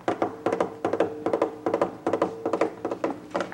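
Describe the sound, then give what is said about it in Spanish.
Rapid hoofbeats of a rider coming quickly on his galloping horse, hard knocking clops in quick repeating clusters of three or four with a steady, driving rhythm, fairly loud with no voices. “Por el lejano horizonte se ve venir un jinete que viene rápidamente en su caballo.”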